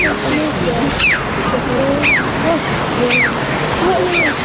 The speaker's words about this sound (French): Donc c'est son cri que vous entendez là qui est assez spécial. Le crave à bec rouge, un oiseau de la famille des corvidés, Donc les corbeaux, les corneilles, tout ça